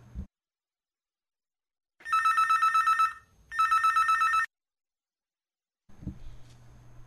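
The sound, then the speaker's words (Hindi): A telephone rings for an incoming call to the phone-in radio program Hello Najibabad, in two loud bursts of rapid electronic trilling separated by a brief pause, with quiet moments before and after and a faint low hum at the end. “इस नंबर पर हम आपके फ़ोन का इंतज़ार कर रहे हैं।”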